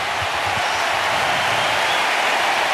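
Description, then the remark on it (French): A large tennis stadium crowd rises to its feet and applauds and cheers after a rally point involving Djokovic, in a loud, dense, unbroken wash of clapping that holds steady from start to finish. “Et la foule qui se lève.”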